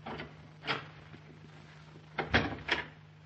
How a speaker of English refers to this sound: I'll spring the lock on this door. Don't open for anyone but me.